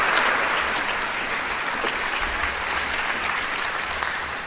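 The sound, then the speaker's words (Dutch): Steady applause from an audience at the MA-festival, welcoming the festival's two directors, fills the whole stretch, a dense wash of many hands clapping at an even, sustained level with no voices standing out. “En daar zijn, en zullen we vergezeld worden van een applaus, de twee mensen van het MA-festival.”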